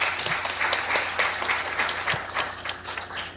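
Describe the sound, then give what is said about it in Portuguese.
An audience at a church Mass applauds the local businesses that support its evangelization, a dense, steady patter of many hands clapping at moderate volume for a few seconds, with no voices over it. “Uma salva de palmas a todos eles.”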